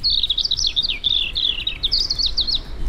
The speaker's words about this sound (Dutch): Hier is jouw eerste vogel.